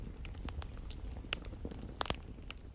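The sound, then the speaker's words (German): A crackling fireplace fire pops and snaps irregularly, with a cluster of sharper cracks near the end, all over a soft, steady low rumble. It is fairly quiet, with no voices. “Draußen pfiff ein eisiger Wind und ich hatte mir das Kaminfeuer angemacht.”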